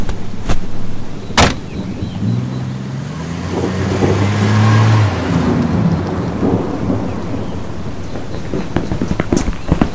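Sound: car driving away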